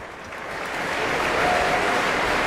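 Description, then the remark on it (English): A large standing audience at an Aspen Festival Orchestra concert conducted by Dima Slobodeniuk applauds steadily, warmly cheering the conductor and the orchestra: a dense wash of clapping that swells slightly in loudness over a couple of seconds, with faint cheering mixed into the crowd noise. “The audience is standing, warmly applauding and cheering Maestro Slobodeniuk and the orchestra.”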